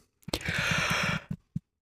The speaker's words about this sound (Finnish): Niin, haukotus tarttuu. Ei saa ei saa tekohaukotella ainakaan, koska haukotus tarttuu. Joo, ja sitten jos tekohaukottelee, niin kohta se on haukotuttaa oikeasti.